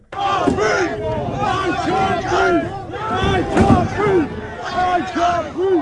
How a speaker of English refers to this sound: At the protest today, people threw bins and cans at police in riot gear, while others in the crowd chanted, "I can't breathe."